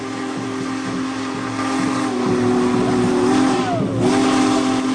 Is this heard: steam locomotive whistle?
yes